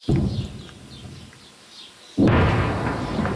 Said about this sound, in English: Distant explosions echo across the south as Israeli troops push deeper into the country and raise their flag over that historic ridge.